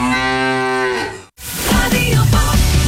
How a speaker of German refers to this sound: So klingt es, wenn du 50.000 Euro gewinnst. Letzte Chance. Finde die letzte Muhende Müllermilchflasche